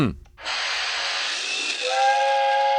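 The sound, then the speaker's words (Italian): A toy steam train in a nativity scene comes out of the grotto, letting out a sustained breathy hiss of steam, joined near the end by a bright, steady whistle tone, loud with no talking. “Oh, il treno che esce dalla grotta, no.”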